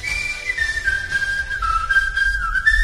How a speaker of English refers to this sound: Everybody whistle along.